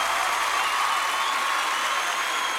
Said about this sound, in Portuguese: aplauda mesmo. Mais forte.